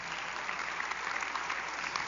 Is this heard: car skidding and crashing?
no